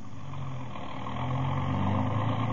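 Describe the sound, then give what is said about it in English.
A car engine runs steadily, a low rumbling drone with a faint rising hum that holds evenly for a couple of seconds, with no voices. “Then we left and got into the car.”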